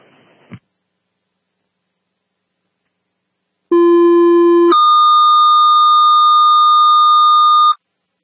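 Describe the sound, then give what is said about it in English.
After a short burst of noise and a pause, a loud electronic dispatch alert plays two steady tones in sequence before an ambulance call: a low buzzy tone for about a second, then a higher, sustained tone for three seconds. “All right, can you silence it? Receive silence.”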